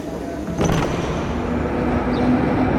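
A passenger boards a tram and rides it: a low, steady rumble, with a thump near the start as the tram gets underway and a faint motor whine rising through the continuous vehicle noise.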